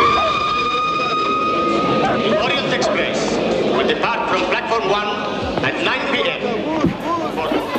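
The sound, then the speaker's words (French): A train heading toward Baghdad rolls steadily along the rails with a continuous loud rumble and a sustained high metallic whine, while indistinct voices murmur underneath throughout. “Moi, je regarde par la fenêtre du train et je vois les paysages qui changent.”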